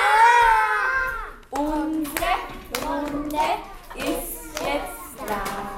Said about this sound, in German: Den Tag eröffnet sie wie immer mit einem gemeinsamen Ritual, dem Morgenkreis. Alle klatschen laut. Hurra!